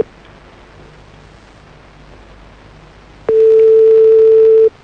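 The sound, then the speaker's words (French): A telephone busy signal sounds as one loud, steady electronic tone lasting over a second, coming in abruptly after several seconds of quiet background hiss and cutting off cleanly. “On rappelle. Un truc qui est bizarre avec son téléphone.”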